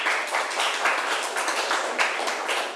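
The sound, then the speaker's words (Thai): A group of students in a classroom applauds a classmate together, a dense, steady patter of many hands clapping at once for a few seconds, even in loudness, with no one speaking. “เก่งมากค่ะปรบมือให้เพื่อนหน่อยค่ะ”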